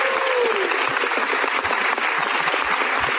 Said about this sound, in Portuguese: Calma, calma, gente. E continua aplaudindo.